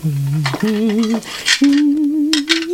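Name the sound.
washing dishes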